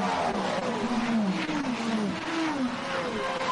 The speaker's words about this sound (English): The varying noises of the engines going through, absolute quality.